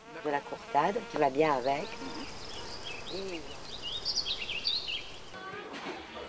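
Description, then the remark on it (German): A steady drone of honey bees, which supply honey, buzzing in Madame Canot's garden, rising and falling slightly in loudness, with faint high bird chirps scattered in the background. “Der Fasan gehört quasi zum Haus, genauso wie die Bienen, die ihr den leckeren Honig liefern.”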